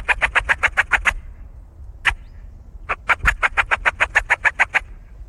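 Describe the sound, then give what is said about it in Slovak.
A Eurasian magpie that is being lured with a call gives its harsh, rapid rattling chatter in the distance behind the speakers: a run of about nine dry bursts, one lone note, then a longer rattle, over a low rumble. “Teraz vábime straku obyčajnú, ktorá sa nám tu aj ozýva za nami a snažím sa ju viac bližšie prilákať, aby ste videli, že ako efektívne viete privábiť aj per na tú zver.”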